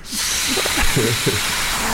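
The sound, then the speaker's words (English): A person imitates a fart with their mouth: a steady, breathy hiss lasting about two seconds, broken by a few short, low, buzzy sputters. No words are spoken. “Why do you know so many fart noises?”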